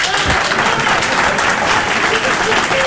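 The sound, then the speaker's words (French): An audience claps steadily throughout, a dense wash of many hands applauding at a loud, even level, with a faint murmur of voices mixed in. “Qui, par applaudissement, a pensé à changer de travail ces derniers mois?”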